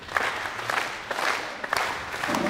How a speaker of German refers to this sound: einem kleinen Applaus zu unterstützen.